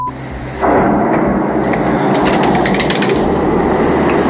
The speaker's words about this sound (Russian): Ну, Что это взрывается?